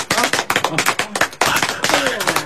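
A crowd applauds with loud, dense clapping that continues steadily, a fast crackle of overlapping handclaps with a brief dip in the middle before surging again, welcoming a company's new chairman.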